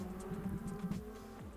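An early-version Skoda Fabia R5 rally car, crewed by José Camacho and José Nicodemo Câmara, approaches, its engine droning steadily, its pitch wavering briefly near the end, with no voices over it.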